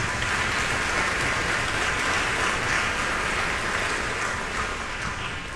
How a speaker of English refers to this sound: These are people who have been smiling at you in all of areas of CIM, and they have just done an incredible job putting this work together. So a huge round of applause for the staff.